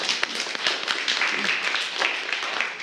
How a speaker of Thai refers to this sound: โอเคครับขอเสียงปรบมือให้เพื่อนหน่อยครับ